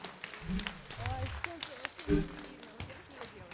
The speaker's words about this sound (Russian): Тройные аплодисменты. Слов нет, дорогие друзья, сплошные овации.